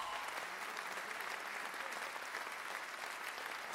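Steady, dense applause from an audience, a continuous wash of clapping at even loudness throughout with no voices standing out.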